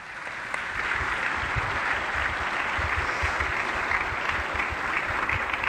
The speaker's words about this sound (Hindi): एक बार जोरदार तालियां।